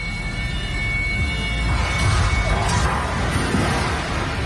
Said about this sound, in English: That doesn't sound good. Oh, snap. Yep. Scoreboard crashed about 30 feet down to the floor. It broke into a gazillion pieces, damaged the gym floor.